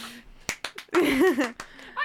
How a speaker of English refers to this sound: Clap if you care.